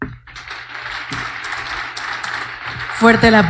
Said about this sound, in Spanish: Fuerte el aplauso para el presidente Rodrigo Ureño Bañuelos.